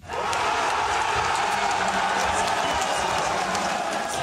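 AfD party supporters in the state of Saxony-Anhalt, East Germany, cheer as exit polls show a big win in a local election: a dense, roaring wall of voices with scattered clapping and whistles, staying loud and steady throughout.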